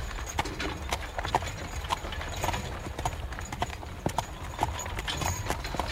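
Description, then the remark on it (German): Horse hooves clip-clop in a steady, brisk rhythm over a constant low rumbling like carriage wheels rolling along: a coach, with more horses tied on behind it. “Das Fuhrwerk von Karl Bartsch ließen wir stehen, nur die Pferde spannten wir aus und banden sie hinten an meine Kutsche.”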